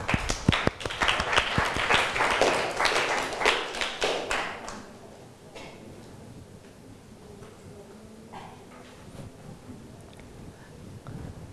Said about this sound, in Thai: นักเรียนปรบมือให้เพื่อนหน่อยครับ